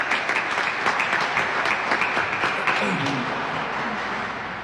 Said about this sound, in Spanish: A ver, fuertes aplausos para todos los maestros.